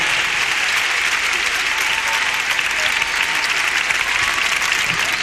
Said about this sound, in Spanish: Por favor, fuerte el aplauso para la banda que poco a poco va haciendo su aparición en escena.